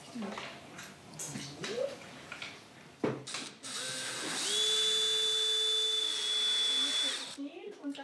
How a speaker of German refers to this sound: Bohren war auf 2. Stell noch mal oben um. Und dann kannst du einfach rausziehen. Einfach bohren und wieder rausziehen. Also im Bohren. Genau. Und dann wieder zurück. Nicht ganz so tief, sonst kommst du in die Hobelbank.